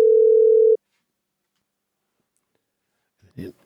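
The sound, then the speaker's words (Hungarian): A steady telephone dial tone after a wrong call to a Mária Rádió phone-in drones loudly for under a second and cuts off, followed by a long silence, then a brief burst of a voice starting to speak. “Téves hívásunk volt, de továbbra is várjuk a kedves hallgató telefonjait.”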